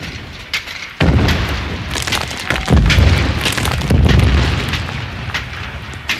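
Heavy cannon fire erupts after a brief pause as the cannons open fire on an attacking army, loud blasts overlapping into a sustained, rolling rumble with further booms punching through, powerful, with no voices.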